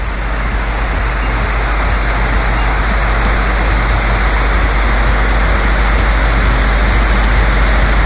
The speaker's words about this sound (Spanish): Intensidad considerable, ¿no? Copiosa y. Más que copiosa, ¿no? Lógicamente es copioso, pues esto está lloviendo. Intensa la lluvia que tienen por esos lados. Ahora con truenos, dice.